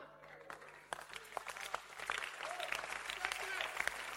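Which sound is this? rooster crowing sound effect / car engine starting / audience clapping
audience clapping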